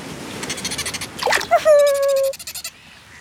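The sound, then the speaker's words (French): Dolphins calling as they swim following a boat at sea: quick bursts of rapid clicking, then a loud, steady whistle lasting under a second, followed by a short buzzing click train, with no voices. “Les dauphins suivent le bateau en nageant.”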